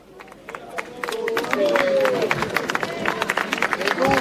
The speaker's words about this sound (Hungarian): Kedves hallgatók, ahogy hallják a tapsot, megérkezett a Szent Atya Leó pápa helyszínre.